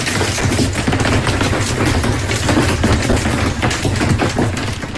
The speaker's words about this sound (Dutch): De schade is groot, zoals aan deze lijnbus. Mensen, ik zit vast in mijn bus en mijn bovenste luiken zijn aan wiegelen door hagel. Die hagelstenen konden in de indrukwekkende wolkenpartijen uitgroeien tot formaat pingpongbal.